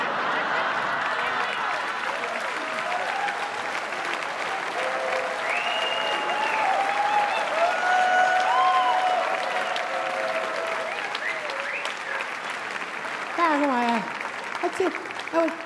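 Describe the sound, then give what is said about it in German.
A live audience applauds steadily for about fifteen seconds, a dense wash of many hands clapping with scattered voices and brief whoops rising above it near the end. “Das sind die ehrlichen Kerle, ne, die dann sagen, und da klatsch ich nicht.”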